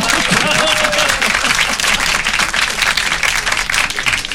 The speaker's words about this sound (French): On applaudit.